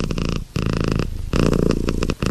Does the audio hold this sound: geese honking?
no